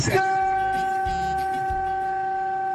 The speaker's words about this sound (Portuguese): Nossa, que buzina horrível, cara. Buzina horrível.